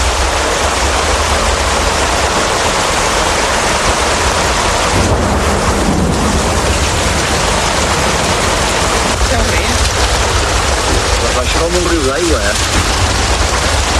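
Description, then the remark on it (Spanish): Heavy storm rain and rushing floodwater from a flood caused by the storm roar loudly and steadily throughout, a dense wash of water noise, with brief muffled voices rising faintly beneath it near the end. “Esa tarde íbamos a una cena para despedirnos ya de mi tío y mi primo, concretamente, y nos cogió la tormenta en medio de todo y como consecuencia la riada.”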